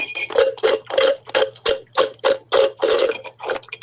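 Someone slurps the dregs of an iced coffee through a straw: about a dozen loud, hissy gurgling bursts in a steady, choppy rhythm, with no talking.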